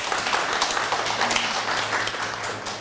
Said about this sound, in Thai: ครับเยี่ยมมากเลยปรบมือให้เพื่อนหน่อยเด้อ